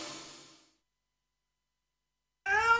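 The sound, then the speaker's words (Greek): A single short, loud cat meow breaks in at the very end after a fading tail of sound and a stretch of silence, clear, with no talking. “Ο λόγος που ζηλεύει τόσο η γάτα σου είσαι εσύ.”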